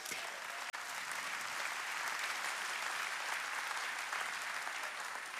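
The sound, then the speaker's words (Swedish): Steady applause from an audience welcoming guest Tim Hughes, a dense wash of many hands clapping at an even level throughout, with no voices standing out above it. “En varm applåd för Tim.”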